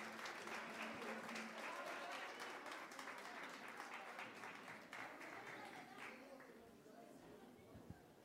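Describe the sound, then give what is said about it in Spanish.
Sustained audience applause welcoming the executive of the Consejo Nacional Afroboliviano at the presentation of an album; dense and steady clapping from many hands that stays loud for several seconds before gradually thinning out toward the end. “Recibamos con un fuerte aplauso a la ejecutiva, por favor.”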